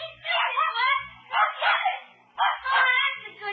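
A dog barks playfully in a few quick, excited bursts mixed with high yips, fairly loud, with no one talking.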